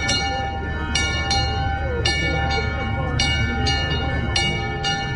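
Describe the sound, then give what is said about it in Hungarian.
A small bell on a small Székely gate memorial rings in steady, repeated strokes, often in pairs, each strike leaving a bright, lingering metallic hum at a moderate level. It is rung in remembrance at the hour of the signing of the Trianon treaty. “Most szólal meg ez a kis harang.”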